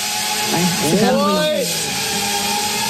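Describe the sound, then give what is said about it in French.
A drone drones steadily overhead with a lawnmower-like buzz, a constant whine over broad hissy noise, while a voice briefly rises and falls over it midway. “Et justement, il y a une vidéo où vous entendez, ça fait un petit peu le bruit d'une tondeuse, finalement.”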